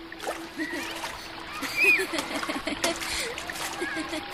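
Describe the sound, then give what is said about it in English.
Water splashes and splatters repeatedly as children play in a river, their high voices calling out amid the churning, over a steady low hum in the background. “Right as Shivdut opened his eyes, he saw Gobind and all his friends dressed up and ready to play in the river like always.”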